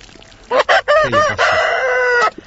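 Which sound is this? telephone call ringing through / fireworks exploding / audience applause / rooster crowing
rooster crowing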